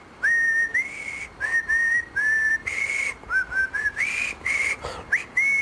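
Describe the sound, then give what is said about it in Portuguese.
Someone whistles the jingle of the Portugalex radio show: a bouncy, stepwise tune with clear sustained notes broken by short pauses, a cheerful jingle-like melody with no talking. “É o jingle do Portugalex.”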